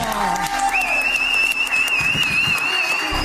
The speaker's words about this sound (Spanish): ¡Qué fuerte aplauso!